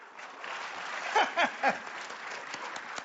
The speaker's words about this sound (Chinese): 鼓掌就对了，说明您这叫鼓掌接福，愿福到您家。